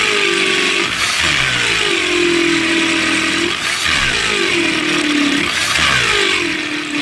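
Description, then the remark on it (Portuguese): An electric drill whirs loudly, running continuously while its motor pitch dips and climbs again a few times as the speed changes, with no voices. “Essa furadeira aí é do Jason, hein?”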